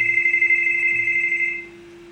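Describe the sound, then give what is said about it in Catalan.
A telephone rings with a steady electronic tone that holds for about a second and a half before cutting off, leaving a faint hum. “I telèfon.”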